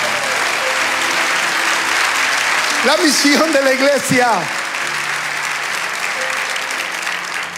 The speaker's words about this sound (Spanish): Fuerte el aplauso.